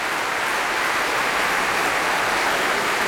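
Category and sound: crowd, concert audience applause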